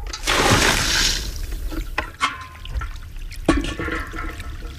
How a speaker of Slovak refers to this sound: Takto zurčí voda v našom potoku. V nej som sa kúpal ako chlapec.